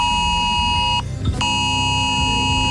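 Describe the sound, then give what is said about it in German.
A loud, piercing mobile phone emergency alert tone from Germany's nationwide warning day test alarm blares steadily, a harsh layered buzzing beep that breaks off briefly near the middle before resuming, over a low rumbling background. “Das heißt, euer Handy kann entsprechend vibrieren oder auch klingeln oder auch die ein oder andere Sirene bei euch um die Ecke könnte mal losgehen.”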